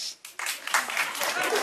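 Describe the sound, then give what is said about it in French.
A small, thin round of clapping from only a few women, about four, answering by applause whether they have small breasts, starting abruptly after a brief pause and continuing steadily at moderate volume without building into full applause. “Il y a des femmes qui ont des petits seins ou pas par applaudissement?”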